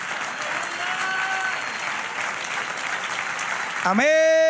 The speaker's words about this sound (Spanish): Se encontró uno que es digno de abrir y de desatar los sellos. Dale aplauso.